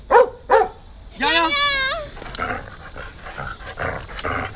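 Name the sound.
dog barking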